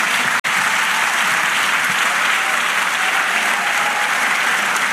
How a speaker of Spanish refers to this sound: Dale aplauso al Señor.